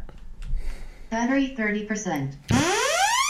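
A device powers on with loud electronic alarm tones: a couple of warbling, buzzy bursts followed by a sharp upward-sweeping siren-like tone, playing alone with no talk.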